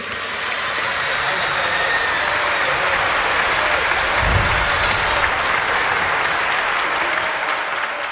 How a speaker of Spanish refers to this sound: Un voto de aplausos para ustedes mismos, que se lo merecen.